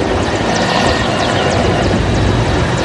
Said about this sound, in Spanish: Durante la jornada, helicópteros sobrevolaron distintos puntos de la zona, mientras camiones castrenses y personal naval se desplegaron para continuar con las prácticas que serán presentadas durante el acto conmemorativo.